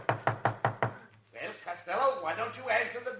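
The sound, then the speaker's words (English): Five quick, sharp knocks rap on a door in an even rhythm, fairly loud, then a short pause before a man starts speaking. “Why don't you answer the door?”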